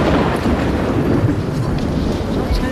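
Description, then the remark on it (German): A continuous, heavy low rumble of an approaching thunderstorm, with a blustery storm wind roaring in the background at a steady, loud level throughout, as the storm tears apart a stage. “Kurz vor der Premiere, die Beinahe-Katastrophe, ein Gewitter zieht auf, der Sturm zerlegt die Bühne.”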